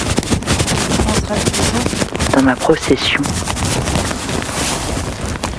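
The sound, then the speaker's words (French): Loud, continuous crinkling and crackling of a yellow plastic garbage bag wrapped around a person and their equipment, buffeted by wind in the rain, with gusty rumble underneath and a short stretch of speech partway through. “Je fais sacrément du bruit.”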